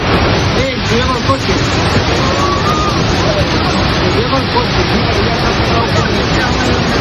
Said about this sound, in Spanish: El sonido de la localidad de Manzanedo de Valdueza, cerca de Ponferrada, donde las fuertes corrientes de agua que han asolado las calles del pueblo arrastraban incluso vehículos.